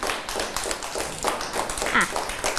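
A group of children clap their hands in a loose, uneven patter of sharp slaps that continues steadily for a few seconds, with a brief voice briefly rising over it. They applaud a child at the teacher's request, after the child told how she helps her mother sweep the house.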